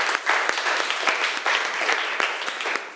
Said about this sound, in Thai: ครับขอเสียงปรบมือให้เพื่อนหน่อยครับ